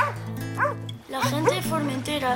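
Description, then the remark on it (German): Dogs that guard a family farm on an island bark and yip in a quick run of short, rising calls, with a steady low hum underneath throughout. “während er die Hunde streichelt, die den Bauernhof der Familie bewachen.”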